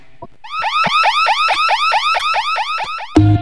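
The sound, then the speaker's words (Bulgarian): A loud electronic alarm siren whoops rapidly in repeated rising sweeps, about a dozen cycles in quick succession, piercing, ending with an abrupt burst of noise. “МДН обезбедување ви нуди физичко и патролно обезбедување, како и 24 часа мониторинг услуги со најсовремени аларми системи од израелско потекло.”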